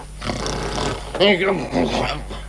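A voiced snore, probably performed by a person, from a guard who has dozed off: a few throaty, rumbling snorts that rise and fall, with the loudest stretch in the middle, and no talking.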